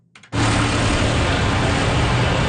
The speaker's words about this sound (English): The low rumble of tractor engines, the scent of manure in the air,